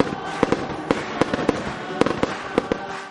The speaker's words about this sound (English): And after the great music, stay for the Canada Day fireworks.